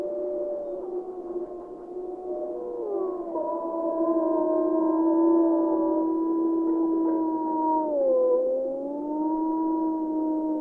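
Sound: wolves howling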